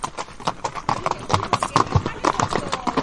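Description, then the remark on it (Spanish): Horse hooves clip-clop in a steady, uneven rhythm on a hard surface, clear, with faint indistinct voices in the background, as horses are ridden on a route through Andalucía. “pero te invitamos a conocer Andalucía de una forma muy especial, a caballo.”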